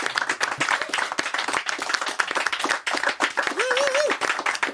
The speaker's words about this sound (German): Vielen, vielen Dank an unser Studiopublikum. Toll, dass Sie da waren. Ein Applaus fürs Publikum.